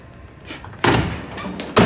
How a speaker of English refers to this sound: Zig storms in. He pushes Boz and slams Hunter against the stalls.